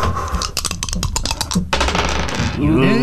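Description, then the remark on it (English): A quick burst of sharp clicks and clatters as dice are rolled and tumble across a hard surface in a game played for silver coins, over ongoing background chatter, followed by a voice rising at the end. “How about one more time, one more roll, guys, okay?”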